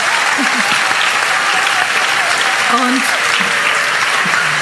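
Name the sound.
children's applause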